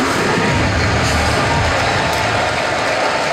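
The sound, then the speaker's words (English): A loud, steady roar of a baseball stadium crowd cheering during the top of the second inning of a Braves game, a dense wash of many voices that holds constant throughout without pauses or distinct individual shouts. “Now, there's nothing quiet about this crowd.”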